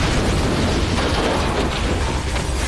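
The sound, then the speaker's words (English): A Soviet surface-to-air missile strikes the U-2 spy plane flown by CIA pilot Francis Gary Powers: a violent explosion erupts into a dense, roaring blast of noise with deep rumbling underneath, staying loud and steady for a few seconds with no voices. “A Soviet surface-to-air missile had struck.”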